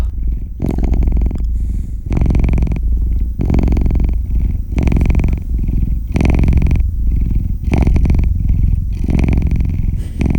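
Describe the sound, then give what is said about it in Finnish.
A cat purrs, a steady rumbling hum that swells and fades with each breath in a regular rhythm, continuous and fairly loud with no talking. “Vaikka mä oon enemmän koira-ihmisiä, niin kyllä tää kissan kehräys.”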